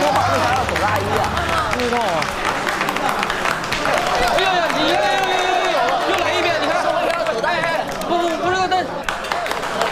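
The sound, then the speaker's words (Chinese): An audience bursts into sustained applause welcoming the four directors of the troupe's production Bi Shang Liangshan, dense steady clapping mixed with scattered cheers and crowd murmur, with voices audible underneath throughout the roughly ten seconds. “可是今天他回来了，他和三位老师一起共同担任我们《逼上梁山》的导演，让我们以热烈的掌声，隆重的欢迎四位导演。”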